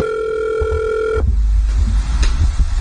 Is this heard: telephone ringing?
yes